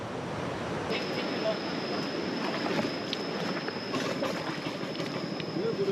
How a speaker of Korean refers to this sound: 능숙하게 배를 출발시키는 두 사람. 보통은 안전하게 목적지까지 도착하지만 물살이 더 거셀 경우 가다가 배가 뒤집힐 수도 있답니다.